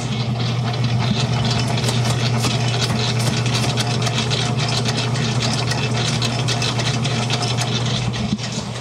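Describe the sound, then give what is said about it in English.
A large dough mixer called Big Betty, used to mix big batches of dough and icing, runs steadily with its motor: a loud, constant low-pitched drone with a busy mechanical whir layered on top, unchanging throughout and with no voices. “But we use this to mix big batches of dough, big batches of icing, and I can give you a sample of that.”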